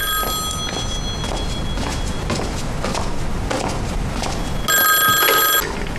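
A telephone rings in two bright bursts, one at the start and a louder one near the end, with a steady rustling background noise in between and no voices.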